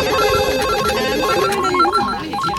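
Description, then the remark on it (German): Several telephones in a radio studio ring at once during a listener call-in for tickets, their warbling electronic trills overlapping into a loud, busy jumble that runs steadily for a couple of seconds with no voices. “Ja, da werden die Telefone wieder heiß laufen.”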